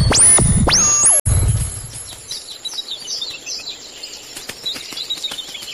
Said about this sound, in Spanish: El sonido de la lluvia repiqueteando en una ventana, un río que fluye, el trino de unos pájaros, el canto de una ballena.